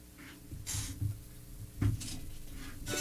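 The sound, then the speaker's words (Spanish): Chairs being taken down and shifted around by El Cermeño, with a few scattered wooden clunks and brief scraping bursts, fairly quiet, with no talking. “Viene y baja todas las sillas el cermeño.”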